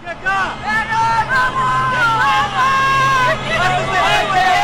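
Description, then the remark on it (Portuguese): Many car horns honk at once in a long, overlapping chorus of steady blares as football fans in traffic leaving the arena celebrate a Grêmio win. Traffic rumbles underneath and a crowd murmurs in the background. “Olha o buzinaço, CCD. Coisa boa. Vamos ouvir o buzinaço.”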